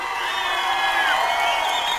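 A crowd cheers and applauds in a dense, steady roar, with high whoops and shouts rising above the clapping for the whole stretch.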